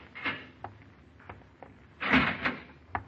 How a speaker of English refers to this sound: and the same polite police lieutenant is opening the door to your cell.